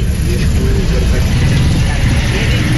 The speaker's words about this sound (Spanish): Ah, pero es bastante larga la tranca del San Martín.